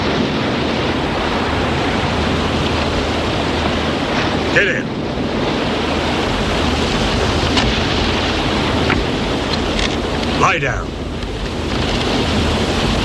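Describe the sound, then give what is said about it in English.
Continuous roar of surf washing in along a sandy shoreline in a James Bond film scene, loud and steady with some wind buffeting, while a man's voice briefly barks short commands over it. “One man hauls the woman off while the other marches Bond to a boat on the sand.”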